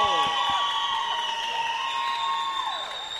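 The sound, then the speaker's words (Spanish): A crowd cheers and shouts with steady, excited energy as the doors of Quitopía open at the old Trole station in the north of Quito, high voices calling out over a continuous wash of noise, with some clapping mixed in. “Siendo las 10:26, miren la alegría, escuchen la alegría de la gente.”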